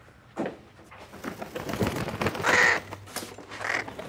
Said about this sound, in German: Was war das? Ich hab einen Frosch im Hals. Das ist doch eine Krähe, Sie!